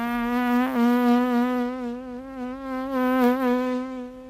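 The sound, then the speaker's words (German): A housefly buzzes in a steady, continuous drone, its pitch wavering slightly as it hovers, heard alone without any voices; one of the sounds in the opening sequence of Sergio Leone's 1969 western. “Das Summen einer Fliege.”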